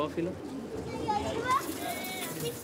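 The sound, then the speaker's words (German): Pigeons coo softly in a pigeon-breeding loft, their low murmuring burbles running steadily beneath a man's voice talking over them as he introduces his grandson to pigeon breeding, with faint bright chirps mixed in. “weiht heute seinen Enkel ein in die Geheimnisse der Taubenzucht.”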